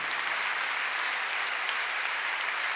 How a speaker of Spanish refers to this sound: Sí, sí. Le dan un aplauso al Señor por esa presencia. Sí, Señor.